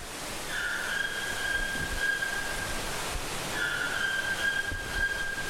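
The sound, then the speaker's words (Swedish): A white-throated toucan calls twice, each a sustained, steady whistling note lasting about two seconds, separated by a short pause, over a constant hissing rainforest background with no talking. “Vi hör någonting som ropar, ja, det är en vitstrupig tukan som finns här i regnskogen som ropar.”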